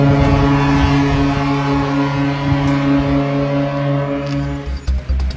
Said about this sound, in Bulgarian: Сирени и минута мълчание в цялата страна. Така отбелязваме деня на Христо Ботев и загиналите за свободата на България.